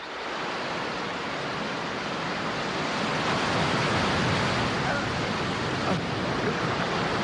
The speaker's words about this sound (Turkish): Aşağı baktığımda sivri sivri kayalar ve onları döve döve köpüren haşmetli dalgaları görüyordum. Bir 10 metre vardı herhalde.